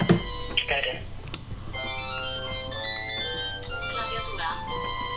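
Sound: phone ringing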